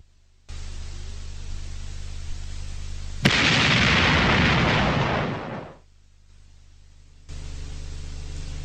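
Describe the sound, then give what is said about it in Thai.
A single powerful gunshot from a heavy .458 hunting rifle fired upward into the sky cracks out over a steady background hiss, then a loud rolling boom and echo, bouncing off rocks and cliffs near a village, wash through the surroundings for a couple of seconds before fading away. “กัมปนาตแห่งเสียงปืนล่าสัตว์ขนาดหนักสะเทือนไปทั่วทุกกิ่งไม้ของต้นไม้และแก่งแง่โขดหินรอบด้านมันซ่าสะท้านก้องกลับไปมาเพราะคลื่นเสียงคงจะลอยไปกระทบโขดเขาหน้าผาที่อยู่ไม่ห่างจากหมู่บ้านออกไปนัก”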